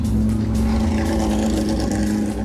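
A rally zero car, Paulo Mendes's car, arrives at the stage, its engine a steady loud mechanical roar with a strong low hum and some revving, no voices over it.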